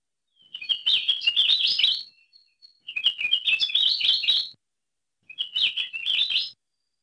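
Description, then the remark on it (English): Akiapolaau honeycreeper song: three clear bursts of rapid, high warbling trills, each lasting a second or two with short pauses between, against a quiet background. “thanks to the Lohe Lab for the recordings of Akeapo Laʻau”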